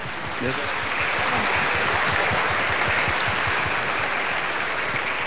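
Sustained applause from a crowd during a church service, after a blessing for a couple, a dense steady wash of many hands clapping at once, fairly loud and continuous throughout, with no one speaking over it.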